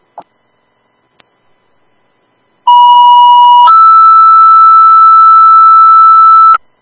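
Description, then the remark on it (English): A loud two-tone fire dispatch pager alert for an EMS ambulance call in Randolph. A steady electronic tone holds for about a second, then steps up to a higher sustained tone lasting nearly three seconds, after a couple of faint clicks. “Turn 5 Randolph, EMS, the driver is needed at the hall for the ambulance call.”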